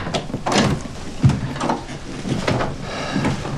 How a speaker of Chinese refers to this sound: 哎，好，我去开门。